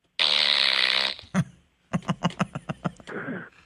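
A loud, drawn-out buzzy fart noise from a novelty fart machine, followed by a short burst and a rapid series of sputtering pops, ending in a brief raspy trail.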